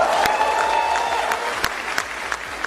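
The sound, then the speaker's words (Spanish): Cuban opposition members applaud the announcement by U.S. Attorney General Todd Blanche of an indictment against Raúl Castro, clapping steadily in a dense, continuous wash of applause, with a few sharper claps and whoops standing out, and no one speaking over it. “El anuncio lo hacía ante varios opositores cubanos que reaccionaron con aplausos a la imputación del líder cubano que tiene ahora 94 años.”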